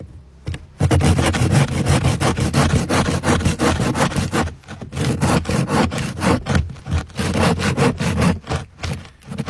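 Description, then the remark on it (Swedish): A hand saw rasps steadily through a dense, hard ice core from around 18 meters down, in quick back-and-forth strokes, loud, with a brief pause midway before the rhythmic sawing resumes. “Det låter ungefär som du såg en planka, tycker jag.”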